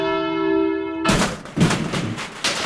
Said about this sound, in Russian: Вот звонок сорвался. Вот мы слышим, что ваш звонок сорвался. Сейчас мы сами вам попробуем перезвонить